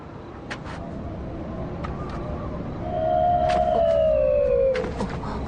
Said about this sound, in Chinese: 别怕，是风声吹过瓮棺口发出的声音。